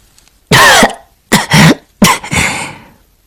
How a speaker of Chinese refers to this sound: 他不断地咳嗽着，额头上的鲜血和眼中的泪水一并滴落，溅起一簇红黑色的泥珠。